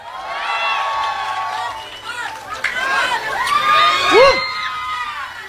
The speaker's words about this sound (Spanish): vienes de Celaya, señora. Un aplauso a Celaya.